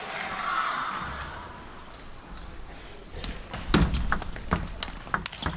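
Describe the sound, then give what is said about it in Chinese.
A table tennis match rally between Lin Shidong and Jang Woo-jin: a quick series of sharp, light clicks from the ball striking paddles and table in an irregular rhythm, ending in a whip-like backhand shot, over a steady background murmur of crowd noise. “好球， 小鞭子一样的反手抽出来了。”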